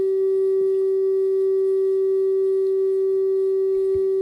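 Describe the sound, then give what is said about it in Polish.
A steady, unbroken radio signal tone holds one mid-low pitch for the whole stretch, loud and constant, with a faint soft bump near the start and another at the very end. “To jest sygnał, rozumiem.”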